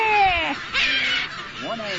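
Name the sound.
gull attack call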